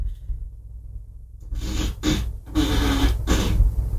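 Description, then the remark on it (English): An Alexa smart speaker plays a fart sound effect on request: after a quiet start, a series of raspy, sputtering bursts with a low buzzy tone runs for a couple of seconds, fairly loud and with no talking. “Alexa, ask for a fart.”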